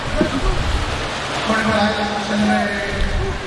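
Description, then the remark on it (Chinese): Steady crowd applause of encouragement for Zhu Jinlong, a dense patter of many clapping hands that holds at an even level for a few seconds, with a voice speaking faintly underneath. “来，掌声给朱金龙鼓励一下，欢迎九号家人的场。”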